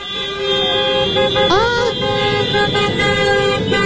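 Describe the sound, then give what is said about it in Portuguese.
Several car horns honk together in protest, about 40 minutes after the protest began, in a loud, sustained blare, overlapping tones holding steady with a brief pitch swoop midway, over a busy street rumble. “Continuam a buzinar.”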